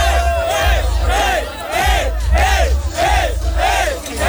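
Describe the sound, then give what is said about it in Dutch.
A big concert crowd screams and cheers in rising, repeated swells, with a steady low bass rumble underneath and piercing shouts riding over a dense roar. “En dan hoor je mensen je naam schreeuwen.”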